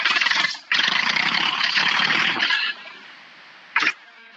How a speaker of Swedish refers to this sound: Men jag vet inte om det hörs i radio, men jag skulle starta traktorn, för jag sitter ju nu, jag är på väg.